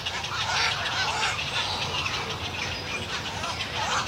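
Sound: calls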